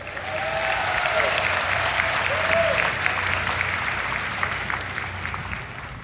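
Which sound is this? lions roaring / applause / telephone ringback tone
applause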